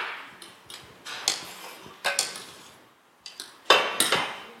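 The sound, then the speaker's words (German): A pot clinks and scrapes against a blender jug as a hot, boiled mixture of starch, agar-agar, salt and water is poured in, with a string of sharp, irregular metallic knocks and no talking. “Und sobald es kocht, kommt es in den Mixer.”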